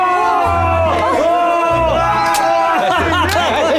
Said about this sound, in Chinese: 鼓掌，鼓掌，热烈鼓掌，欢呼，欢呼，欢呼！